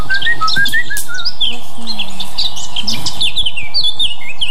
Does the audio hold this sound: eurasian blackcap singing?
yes